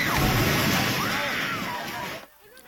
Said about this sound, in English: That reaction as the Templars sent a building tumbling and crumbling.